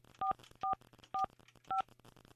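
Four short, evenly spaced telephone keypad tones, dialed on a regular phone, beep in quick succession, each a steady two-pitch electronic chirp, with faint background hum between them and no voices.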